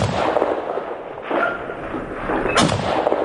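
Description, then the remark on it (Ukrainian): Gunfire aimed at a hovering drone at the front: three loud, sharp shots spaced roughly a second and a quarter apart, each followed by a brief rumbling tail, over steady noisy background with no talking. “А ну дай, я його попитаюся збити.”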